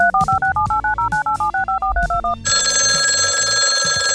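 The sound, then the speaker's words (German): A quick run of about a dozen touch-tone dialing beeps as the host of the Jörgi McFly Show radio program calls a listener, followed by a steady, buzzy telephone ring tone on the line as the call goes out. No one speaks. “Und wir rufen jetzt mal die nächste Hörerin. Rufen wir mal an.”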